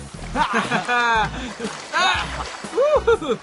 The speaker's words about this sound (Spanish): ¿Saben qué hora es? ¡Es hora de bañar a los elefantes! Sí, me parece que todos tomaremos ese baño. Los elefantes se bañan cada vez que pueden.